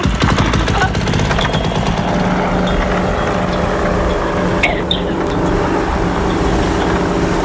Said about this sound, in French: Oh ben le paramoteur, parce que je crois que vous les aimez. Paramoteur? Oui. Eh ben on y va.